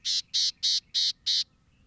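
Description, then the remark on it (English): A gnatcatcher gives a series of five short, buzzy, high-pitched calls in an even rhythm, clear, with no voices and only faint background noise. “It takes time and effort to see all four of these gnatcatchers, but these charismatic birds are worth the journey.”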